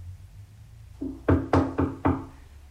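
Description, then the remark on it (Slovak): Four firm knocks on the wooden door of a small hut, evenly spaced, with a softer tap just before them; no one speaks. “Zaklopať?”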